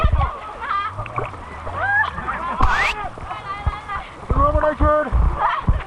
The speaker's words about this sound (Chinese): 漂流进入水面狭窄河道，一道大浪劈头砸来，船瞬时被汹涌的浪涛猛地掀翻，整船人连人带船翻进了河水里。